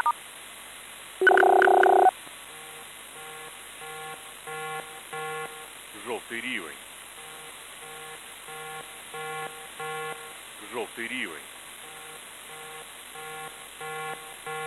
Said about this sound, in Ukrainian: Увага, увага. Прослухайте повідомлення управління цивільного захисту Полтавської обласної військової адміністрації. Громадяни, повітряна тривога. Повітряна тривога.